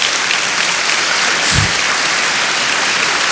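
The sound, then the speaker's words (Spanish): An audience applauds the Lord steadily, a dense, sustained wash of many hands clapping at even loudness, with a brief low thump about midway and no speech over it. “Aplauda al Señor.”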